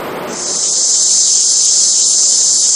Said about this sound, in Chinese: 这夏天知了来了， 蝉鸣声， 蝉鸣声。